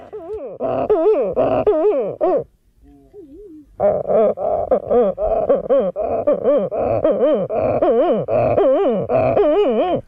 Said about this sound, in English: The Sooty Shearwater. Mutton Bird. Titi.